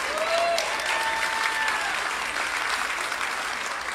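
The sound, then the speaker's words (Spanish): A crowd applauds steadily for a few seconds, dense clapping at a fairly loud, even level, with a few faint whistles or cheers rising above it near the start. “Ese aplauso fue de ópera.”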